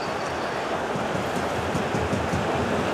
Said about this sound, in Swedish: Kan bli en spelvändning för PSG. Det blir också, ni hör hur jublet stiger.